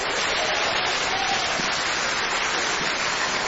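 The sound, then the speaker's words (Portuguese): A crowd applauding together to welcome a preacher during a prayer service, a dense, steady wash of many hands clapping at once that holds at an even, fairly loud level throughout, with no voices standing out. “Vamos receber o servo do Senhor com as palmas, bem alegre para Jesus.”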